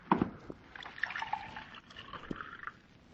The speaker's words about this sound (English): Pour me a glass of water from that carafe so I can bring him to.